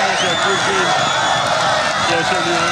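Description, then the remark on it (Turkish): A large crowd of football fans chants in unison amid dense, steady cheering and clapping at the team's training session at the Topuk Yaylası facilities, as head coach İsmail Kartal and the players applaud in reply; loud and continuous throughout, with no pause or quiet moment. “Taraftarlarımızı selamlayan teknik direktörümüz İsmail Kartal ve futbolcularımız yapılan tezahüratlara alkışlarla karşılık verdi.”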